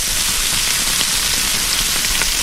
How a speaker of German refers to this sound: Ja, ist nicht lang, da brutzelt das Fleisch kurz am Grill.